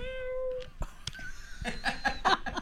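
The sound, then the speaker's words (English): A female cat lets out one drawn-out, tonal meow. Then clicks and a bright burst of laughter follow, without the cat. “I guess she's just the right cat for me.”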